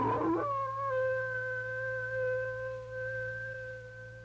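A single long wolf howl that swoops up at the start, then holds a steady, sustained pitch for several seconds over a low background hum, with no voices.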